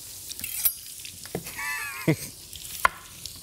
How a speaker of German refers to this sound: Wichtig ist ja immer, dass man die Bratkartoffeln auch mal lang genug in der Pfanne einfach brutzeln lässt und nicht sofort anfängt rumzurühren.